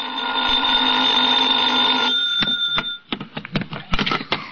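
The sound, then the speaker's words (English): A telephone bell in a hotel rings loudly and steadily for a few seconds in the morning, then stops and gives way to a quick series of clattering clicks, like a handset being picked up. “I was still in bed when the phone rang.”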